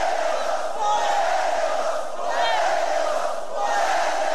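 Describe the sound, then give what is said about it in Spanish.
A large crowd shouts loudly and continuously, many voices blending into a dense roar that swells and dips slightly in waves, with a few higher individual cries rising above it. “No griten.”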